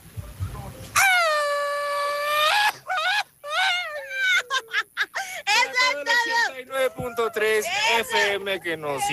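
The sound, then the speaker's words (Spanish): A loud mariachi-style grito: one long, high sustained yell, then a run of warbling, yipping cries that rise and fall in pitch, lasting about eight seconds. “A ver, échate un gritito.”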